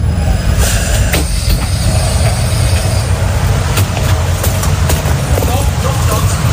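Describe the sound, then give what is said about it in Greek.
A subway train rumbles through an underground metro station at the central station in Stuttgart, Germany, early in the morning: a loud, steady low roar with faint wheel squeals and clicks, echoing for the whole stretch. “Μέσα στο μετρό της Στουτγκάρδης,”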